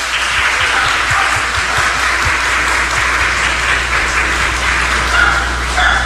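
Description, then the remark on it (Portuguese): An audience at a parish Mass applauds Dom Orani as he is given a small gift, a dense even patter of many hands clapping with no voices over it, holding a constant loudness throughout, with a faint dog bark or yip near the end. “Em nome da paróquia, nós entregamos ao senhor uma lembrancinha pelo dia de hoje, com os nossos aplausos.”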